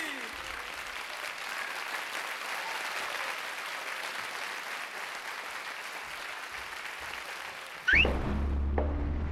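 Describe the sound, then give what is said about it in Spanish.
An audience applauds in a steady, dense wash of clapping for about eight seconds, then it cuts off abruptly as a louder, lower sound takes over. “Y aplauso.”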